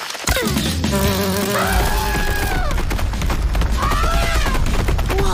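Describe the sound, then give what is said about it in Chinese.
A loud, steady insect buzz drones for several seconds, with a low hum underneath and wavering higher tones: a large bee, thought to be a queen bee, flying around a tree and scaring off elephants. “那必是蜜蜂，大蜜蜂。我想它一定是蜂后。 它的嗡嗡声把大象吓跑了。”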